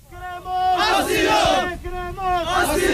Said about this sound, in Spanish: Escuchamos a la multitud pidiendo asilo